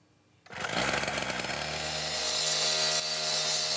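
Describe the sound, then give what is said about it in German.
A loud power tool, like a saw or cutter, starts abruptly after a brief quiet moment and runs continuously with a harsh, buzzing whine at a busy construction site in Huchting, Bremen, Germany, where tram line 1 is being extended, at 9 a.m. on a hot day of 30 °C in the sun. “Auf der Baustelle in Huchting, wo die Straßenbahnlinie 1 erweitert wird, drückt es schon um 9 Uhr morgens.”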